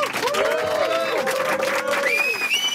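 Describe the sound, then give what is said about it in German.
An audience applauds with steady, dense clapping, mixed with cheering voices and a few high whistles rising near the end, sustained at an even loudness throughout. “Coole Tunes in the bag und bitte Applaus.”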